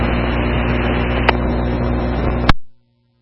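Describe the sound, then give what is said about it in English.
A truck engine rumbles steadily, broken by two sharp clunks, the second louder, as the gear engages. The sound then drops away abruptly. No one speaks. “I just put the truck in gear, so, yeah, you got perfect timing.”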